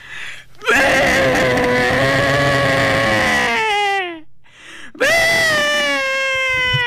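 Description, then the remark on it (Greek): A voice imitates a white sheep's crying bleat, the call known as the mother's cry, in two long, wavering calls, the first drawn out for about three seconds, the second shorter after a brief pause. Loud and nasal, like a wail. “Ο ήχος λοιπόν του λευκού προβάτου πάει κάπως έτσι.”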